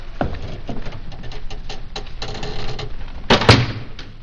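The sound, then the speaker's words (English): A door being shut on a prisoner, with scattered clicks and rattles leading up to a couple of loud, heavy thuds near the end. No one speaks. “The door is off. Cork up our prisoner.”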